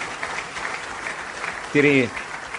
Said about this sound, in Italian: Ecco, fategli un applauso. Oh, primo turno alla grande.